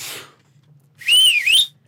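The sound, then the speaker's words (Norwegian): A loud, shrill human whistle made without fingers, lasting under a second. Its pitch arches up, dips briefly, then rises again before cutting off, and a short breathy rush comes before it. “Kan du demonstrere plystringen litt vekk fra mikrofonen?”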